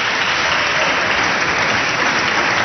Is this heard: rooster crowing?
no